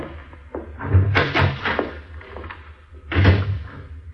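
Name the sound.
door opening and closing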